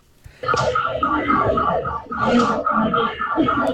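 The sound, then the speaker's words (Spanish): An earthquake alarm siren at the Clínica del Carmen, at 33 Poniente and 11, wails loudly and steadily with a wavering, mid-pitched tone, sustained for several seconds, with voices mixed in underneath. “Se activó la alarma de sismo en la clínica del Carmen, en la 33 Poniente y la 11.”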